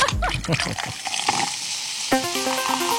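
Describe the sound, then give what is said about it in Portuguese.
Tonic water is cracked open and fizzes with a bright, crackling hiss under a brief bit of voice; after about two seconds a tonal musical jingle comes in. “Abre água tônica.”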